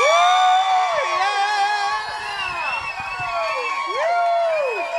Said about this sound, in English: Big applause.